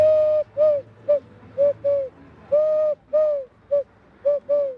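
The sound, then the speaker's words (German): Hollow, breathy hooting notes blown through cupped hands as a hand whistle, about ten short coos in an uneven rhythm, fairly loud, imitating owl and dove calls. “Oder die Tauben und die Eulen, die kann man auf jeden Fall gut mit der Handpfeife nachmachen.”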